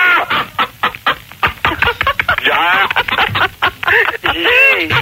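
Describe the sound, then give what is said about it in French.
Busy, continuous clucking from several chickens, short rapid clucks and squawks overlapping throughout, fairly loud, with a slightly thin, broadcast-like quality. “Au standard, là, il y a des poules, là, c'est quoi?”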